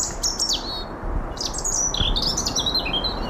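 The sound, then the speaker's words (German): A European robin sings a varied, high, warbling phrase of thin whistles and trills, clear, in the Westwald forest in Darmstadt, Hesse, Germany, over a low steady outdoor hum with no voices. “Ein Rotkehlchen zwitschert vergnügt.”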